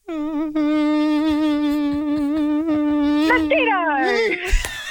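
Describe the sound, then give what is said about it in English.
A mosquito's buzzing whine holds a steady, nasal pitch for several seconds, wavers slightly, then bends downward and breaks off into a brief noisy burst at the end. “Mosquito!”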